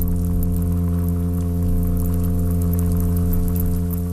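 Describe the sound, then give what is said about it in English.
A small olive-brown, golden toadfish's sustained underwater mating call: a steady, low, buzzy drone with rich harmonics that holds at an even loudness for the whole stretch, over a bed of crackly, rain-like ticking. “It's just a little olive brown golden toad fishy looking thing. You wouldn't know that it could do a feature length sea fart.”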